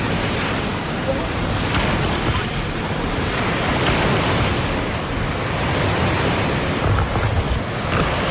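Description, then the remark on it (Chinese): A force-7 northwesterly wind roars over rough, churning sea waves more than 1 metre high at a bay northwest of Kunyun Mountain, a loud, continuous wash of noise, with gusts buffeting the microphone and no clear pauses throughout. “七级西北风卷起的海浪超过1米”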